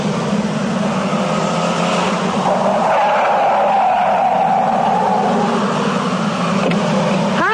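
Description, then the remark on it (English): A driverless taxi car named Mabel pulls up, its engine droning steadily while the tires squeal briefly as it brakes to a stop. Nobody speaks. “Are you one of those driverless cars?”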